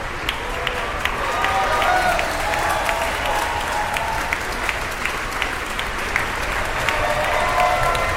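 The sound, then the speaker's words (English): Sustained applause from a concert audience for a symphony orchestra at the end of a 45-minute symphony, as the two timpanists stand to acknowledge it; a dense, steady wash of many hands clapping at an even level throughout, with faint murmuring mixed in. “Two timpanists acknowledging their applause there.”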